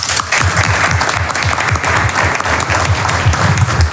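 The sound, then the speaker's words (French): Loud, dense audience applause fills the whole stretch, many hands clapping steadily with a faint crowd murmur underneath and no pause in the sound. “Je vous prie d'accueillir sous un tonnerre d'applaudissements”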